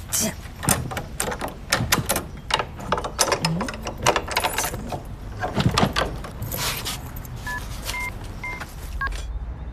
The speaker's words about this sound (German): Kim grinst und klimpert stolz mit dem Hausschlüssel, den sie von Frau Hansen bekommen hat.